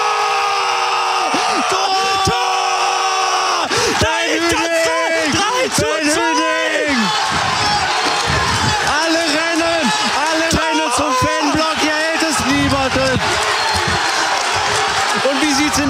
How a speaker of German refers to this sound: Und hier jubeln alle Essener. Pyrotechnik im Essener Block. Die Spieler sind bei den Fans. Alle, die gesamte Bank. Hier hält es niemanden mehr.